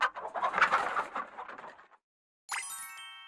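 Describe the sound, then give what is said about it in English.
A hen clucks in a busy, fluttering run of calls for about two seconds, then falls silent before a bright, ringing chime sounds and lingers. “He had a hen that roosted on his bedhead and laid him an egg for his supper.”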